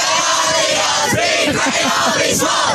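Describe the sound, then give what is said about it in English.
A group of 14-year-old boys at Shell Harbour cheers and shouts together celebrating a recent win, a loud, sustained burst of raucous celebration, with overlapping yells rising and falling throughout. “That's the 14-year-old boys at Shell Harbour celebrating a recent win.”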